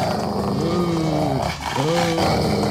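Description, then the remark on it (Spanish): Dogs bark and bay loudly in drawn-out, wavering calls, two long bursts separated by a brief pause, over a dense, noisy background. “Tienen la fila de motos los perros pipones, vio, Rodo. Oye. Están ladrando con toda.”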